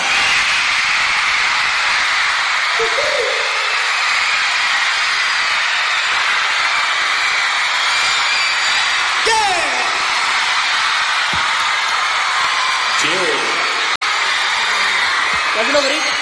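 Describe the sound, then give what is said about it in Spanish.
A large concert crowd at a band's first show at the Metropolitan roars steadily, a dense wall of yelling and cheering that never lets up, with occasional whoops and shouts rising above the din. “Gracias por los gritos, gracias por estar aquí con la banda”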